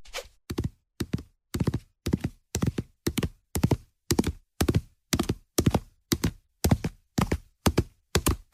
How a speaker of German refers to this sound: Ich sehe hier gerade schon reges Treiben im Stall.